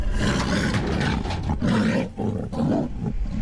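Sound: amur tiger roaring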